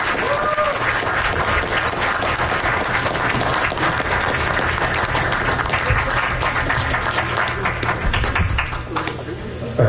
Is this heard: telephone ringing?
no